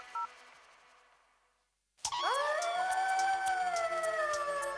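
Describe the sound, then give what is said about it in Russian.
After a short electronic beep and a moment of silence, several wolves break into a loud chorus of howls, their voices sliding upward and then holding long, overlapping tones. “Волки.”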